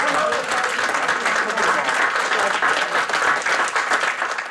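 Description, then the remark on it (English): Sustained applause from an audience at an Arts Council recognition of the 50 honorees, as those present stand; dense steady clapping at an even loudness throughout, with a faint murmur of voices mixed in. “If you're one of the 50, would you please stand and let us applaud?”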